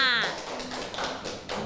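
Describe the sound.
A group of children claps for group 1 in a brief, uneven patter of sharp taps, following a short spoken voice at the start.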